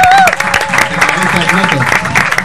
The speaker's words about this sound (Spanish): Un aplauso para ellos.